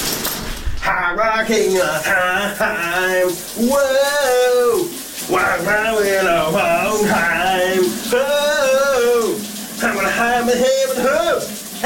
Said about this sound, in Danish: Der er gang i gaden under bruseren hos ….